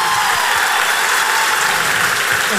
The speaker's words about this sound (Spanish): Estamos muy complacidos de que hayamos llenado dos funciones en la Sala Zita Rosa. Estamos haciendo un poco historia porque este género jamás estuvo acá en la Sala Zita Rosa. Así que un aplauso para ustedes por estar hoy aquí.